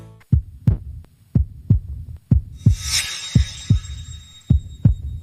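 A steady, strong, regular heartbeat of a healthy heart heard through a stethoscope: deep paired lub-dub thumps repeating about once a second, with a brief faint rustling hiss partway through.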